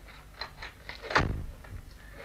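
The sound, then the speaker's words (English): A door is pushed shut with a solid thud, preceded by a few small clicks and rattles of the handle and latch, then quiet tone. “Shut the door after them, Felix.”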